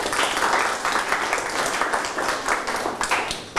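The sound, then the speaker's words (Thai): Students clap their hands together for themselves in a steady burst of group applause, dense and fairly loud for the whole span, with no talking over it. “เก่งมากปรบมือให้ตนเอง”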